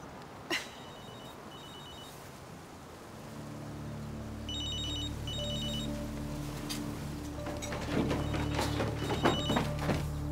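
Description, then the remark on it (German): A telephone rings in repeated short electronic trills, each ring pairing two quick bursts, fairly clear against a low droning background with a few scattered knocks and thumps. “Nicht auf dem Handy, verdammt.”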